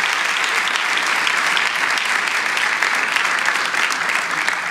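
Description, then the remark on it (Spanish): An audience breaks into sustained applause of thanks to Christ for the church, a dense, steady wash of many hands clapping at a constant level for several seconds, with no voices standing out. “Podemos dar un aplauso de agradecimiento a Cristo por la iglesia.”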